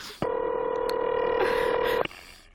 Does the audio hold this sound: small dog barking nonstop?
no